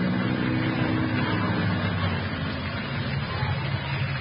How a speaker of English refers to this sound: Keys in the lock and all. That engine sounds nice, doesn't it?